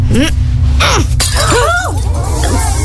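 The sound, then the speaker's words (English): A glass pitcher, hit by thrown juggling balls, shatters in a single sharp crash after a couple of softer bursts, followed by wavering, sliding vocal-like groans over a steady low rumble. “Please observe as I throw these harmless juggling balls at this glass pitcher.”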